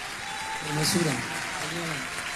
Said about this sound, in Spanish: Fuerte aplauso.